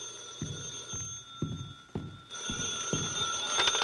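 A telephone bell rings steadily and fairly loudly, its bright metallic tone sustained throughout, while regular low thuds like approaching footsteps sound about twice a second beneath it.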